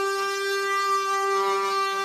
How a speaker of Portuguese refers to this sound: Pra quem não sabe, gente, a roda, ela era de madeira e o eixo também. Também. E o barulho, né? Edmário, consegue arrumar um barulho de carro de boi para colocar aqui? Mostra pro povo aí, por favor, viu?